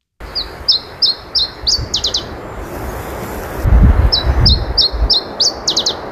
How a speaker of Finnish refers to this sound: Kuuntelin sitten netistä nauhoitteita Iberian tiltatin laulusta, ja siinä vaiheessa se humahti, että täsmälleen niin kuin yksi yhteen tämä laulu, täsmälleen samanlainen laulu.